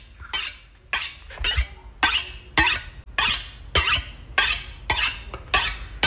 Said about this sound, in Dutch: Het slijpen van een mes. Ja, wat je zo aan het slijpen bent.